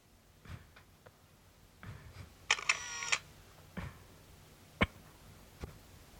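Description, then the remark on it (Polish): A camera shutter fires with a crisp mechanical clack around a brief whirring burst, followed by a few scattered soft clicks and taps, with no talking, as a photo is taken of an A3 newspaper page. “Okej. Okay. Robię zdjęcie.”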